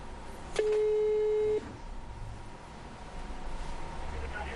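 A single steady telephone ringback tone, a clear mid-pitched hum lasting about a second, sounds over a line while calling a customer, followed by faint line hiss and quiet background.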